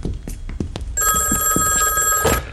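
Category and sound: signal or alarm, telephone ringing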